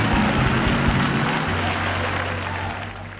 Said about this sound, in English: Come on, clap your hands and let's bless God.